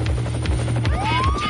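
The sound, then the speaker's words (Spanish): Loud helicopter landing sound effect: a steady low rotor chop with rushing noise, joined midway by a rising turbine whine. No one speaks. “vamos a aterrizar el helicóptero de búsqueda.”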